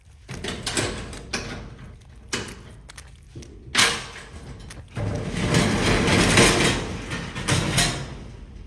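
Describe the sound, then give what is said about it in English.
A storage unit door is opened: a few sharp knocks and metallic clunks, then a long, loud rattling roll lasting several seconds as the door slides up. No one speaks. “Open up the storage unit.”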